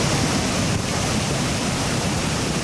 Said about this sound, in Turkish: Doğankent, Espiye, Güce ve Tirebolu ilçelerinde dereler taştı.